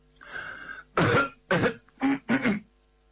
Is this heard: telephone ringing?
no